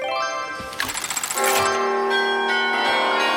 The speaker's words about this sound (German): Super, die Glocke, sie läuten.